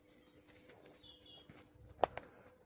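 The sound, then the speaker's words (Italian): Faint birdsong outdoors along a path, a few thin high chirps and trills over a quiet background, interrupted by a sharp knock or click near the end. “Qui improvvisamente ci sono gli uccelli che cantano.”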